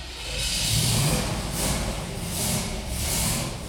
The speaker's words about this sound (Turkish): Bu büyük bir an. Bütün elektrik aksamını değiştirdikten sonra ilk kez motoru çalıştıracağım.